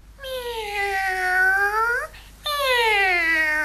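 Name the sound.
cat meowing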